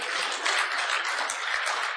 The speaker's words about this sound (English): Yeah, clap on that.